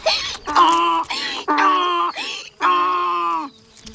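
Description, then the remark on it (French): Violins imitate a donkey's hee-haw bray: three long, sliding bowed notes, each preceded by a short higher squeal, giving an alternating high-low braying pattern, fairly loud with no voices. “Son « i-an » caractéristique est constitué d'une succession de sons alternativement aigus et graves interprétés par les violons.”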